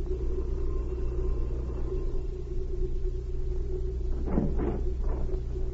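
A car engine rumbles steadily, a deep continuous idle, with a few short louder surges near the end as the car pulls up and stops at a lieutenant's home. No one speaks.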